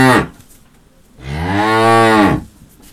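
A cow lets out a long, loud moo lasting about a second, its low droning pitch swelling then sagging, just after the tail of an earlier moo fades out. No voices.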